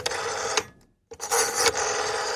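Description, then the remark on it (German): A rotary telephone dial, a sound common in the 1980s, whirs back twice with a brief silence between, each return a loud, rattling mechanical buzz of rapid clicks lasting about half a second to a second. No one speaks. “Das Telefon mit Wählscheiben.”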